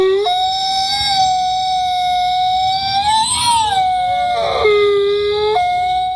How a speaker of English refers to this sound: Aw, they're so beautiful. I know that one. What is it? That's a gray wolf. Or an Arctic wolf. It's a wolf.